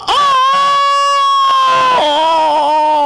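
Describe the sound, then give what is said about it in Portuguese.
A rooster crows once, a loud, harmonically rich call held steady for about two seconds before dropping to a lower, wavering pitch at the end. No other sounds accompany it. “Dona de casa, olha a hora, o galo cantando.”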